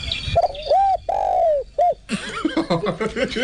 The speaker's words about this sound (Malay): Ada bunyi dia ada tu kan. Ada bunyi burung terkukur.